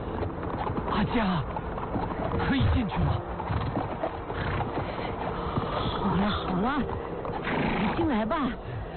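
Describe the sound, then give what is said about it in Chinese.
Horses whinny and neigh several times while hooves clip-clop steadily, with voices talking over the bustle, as riders arrive with a person carried on horseback. “哎，他们来了， 马背上驮着的就是。”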